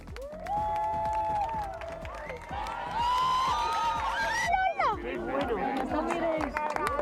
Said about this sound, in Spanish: Y cuando la luna le pega el primer bocado al sol, aplausos a los cielos de toda España.